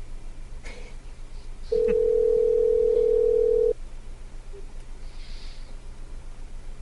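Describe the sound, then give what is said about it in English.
A single two-second ring of an outgoing phone call made to call someone back, a steady electronic ringback tone heard loud over a faint background hum, with silence before and after. “When we call him back, let's just not say anything.”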